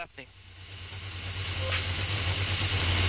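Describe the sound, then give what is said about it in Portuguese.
Hamilton's Formula 1 car struggling with a gearbox fault, running slowly as other cars pass it: a low, uneven pulsing engine drone under a wash of hiss, growing steadily louder over three seconds. “Alguma coisa aconteceu no carro do Hamilton, vem muito lento, os outros carros estão passando à frente dele.”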